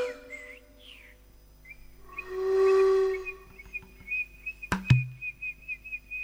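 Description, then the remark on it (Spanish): Thrushes sing at sunrise among tree branches in short, sliding whistled phrases, followed by a fuller swelling whistle and a long steady high note, with a couple of sharp clicks near the end. No voices. “Ya el canto de los zorzales saludaba al sol que asomaba entre las ramas.”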